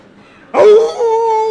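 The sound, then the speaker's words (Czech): A person imitates a jackal's howl: one sudden, loud wailing cry that rises sharply and then holds a steady, sustained tone, with a faint murmur before it. “Soudru zavil správně jako šakal.”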